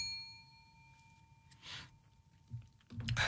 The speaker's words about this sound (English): Ring that bell.